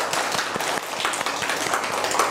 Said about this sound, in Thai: เด็กๆเอาปรบมือให้ตัวเองหน่อยสิคะ